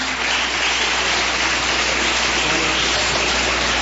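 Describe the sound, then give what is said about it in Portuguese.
A crowd at a church service claps steadily to welcome a preacher, a dense, even wash of many hands with no single claps standing out. It holds at the same loud level for the whole few seconds, with no voices over it. “Vamos receber o servo de Deus com palmas para Jesus.”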